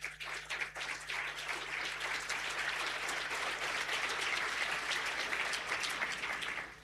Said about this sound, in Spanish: Bienvenido, Coloso. 16.000 desregulaciones. Aplauso para el Coloso.